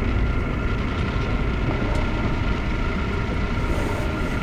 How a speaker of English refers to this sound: Is that the train?